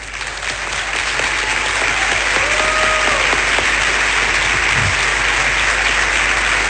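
Loud, steady applause from an audience fills the whole stretch, a dense wash of clapping that swells in the first half second and holds without break, with faint voices underneath.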